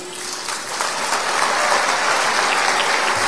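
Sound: welcoming applause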